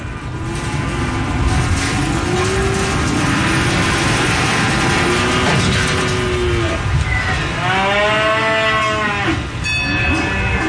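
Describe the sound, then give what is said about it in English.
Cattle moo repeatedly in a crowded, noisy pen at a livestock auction market, long low bellows overlapping from several animals, some loud, others quieter, over a constant rumble of background clatter. “We average between 500,000 and 600,000 cattle through here for the last 10, 15 years.”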